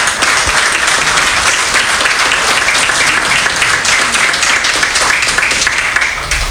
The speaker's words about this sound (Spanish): Un gran aplauso para el directorio que entra en funciones.